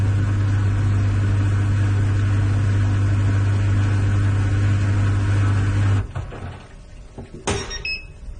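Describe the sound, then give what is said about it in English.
A small European clothes dryer runs with a loud, steady motor hum and low drone for about six seconds, then cuts off with a few clunks before a short, high electronic beep sounds. “European small dryer with some confusion.”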